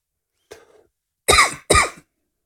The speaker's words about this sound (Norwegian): Unnskyld, da fikk jeg et lite hosteanfall.